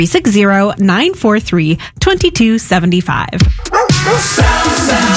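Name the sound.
dog barking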